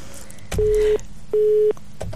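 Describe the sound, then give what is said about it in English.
A telephone line tone sounds in two steady, evenly spaced beeps, each under half a second, clear and fairly loud over faint background noise, as a phone call fails to go through to the panel, with no one answering. “Okay, the phones, that's not answering.”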